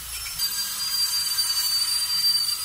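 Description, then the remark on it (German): A dental drill whirs with a steady, thin high-pitched whine over a hissy background, holding constant for a few seconds without pause. No one speaks. “Und damit der Bohrer gar nicht erst zum Einsatz kommt”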